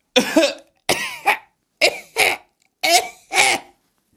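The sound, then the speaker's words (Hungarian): A voice imitates coughing: six sharp coughs grouped in three pairs, each pair a quick double hack, with short silent gaps between them. “Prüszkölni fogtok, és így köhögtök.”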